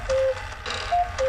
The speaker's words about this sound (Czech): Slyšíš? Kukačka třikrát zakukala.